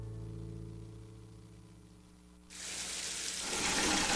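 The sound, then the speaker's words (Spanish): A low steady hum gives way to a sudden, loud gush of hot water pouring and splashing into a bucket, rushing continuously and growing fuller toward the end. “Hoy sí puse una cubeta mientras salía el agua caliente para utilizarla después y me bañé en menos de 5 minutos.”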